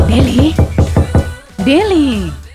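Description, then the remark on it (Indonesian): About six quick, firm knocks on a boarding-house room door at midnight, in an even rhythm, with a voice sounding over the first few and then a drawn-out call once the knocking stops. “Kau buka pintu dulu”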